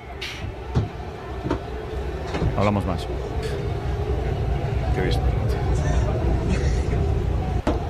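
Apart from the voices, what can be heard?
thrown objects hitting bus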